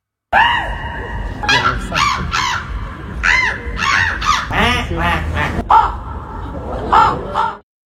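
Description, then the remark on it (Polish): A human voice imitates bird calls at the third Polish Bird Imitation Championship by the Palace of Culture and Science in Warsaw: a loud run of harsh caws, squawks and honking cries, one after another with hardly a pause, and no ordinary talking. “Przy Pałacu Kultury i Nauki odbyły się wczoraj trzecie już Mistrzostwa Polski w naśladowaniu ptaków.”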